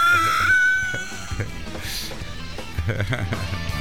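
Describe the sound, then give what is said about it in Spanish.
Shrill, strident southern lapwing calls: a sustained high piercing note at the start, then a few sharper cries over a busy, cluttered background with some voices. “¿Cómo está el canto de los pájaros? Y claro, porque son teros yapo, chilenos.”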